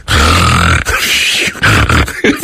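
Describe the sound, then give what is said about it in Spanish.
A voice imitates snoring: one long, loud, raspy, low-pitched rumble, then a few shorter snorting bursts in an uneven rhythm. “No es que yo ronca y nomás quiero hacer el ruido como que yo ronco.”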